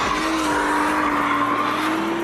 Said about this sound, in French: Mais quand les assistances électroniques sont débranchées, la lourde japonaise devient jolie ballerine, tout en drift. Par-dessus le vrombissement du V6, les pneus chantent de plus en plus fort.